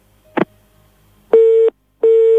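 A click, then two loud, steady beeps of a telephone busy tone after a dropped call, each lasting about a third of a second with a short gap between them, with no talking.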